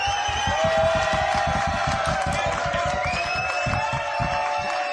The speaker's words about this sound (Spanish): Sí, señor, mira, te aplauden hasta los leones, chaval.